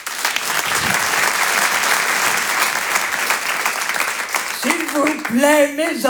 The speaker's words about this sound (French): Je vous demande de l'applaudir très très fort.